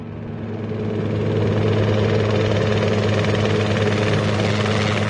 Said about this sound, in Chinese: 直升机按照警方指示的目标下降了，慢慢地降落在公路上。